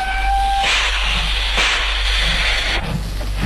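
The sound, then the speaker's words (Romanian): A steam train departs from a station: a brief high whistle tone gives way to loud bursts of hissing steam over a steady low rumble, with no voices. “Trenul a plecat.”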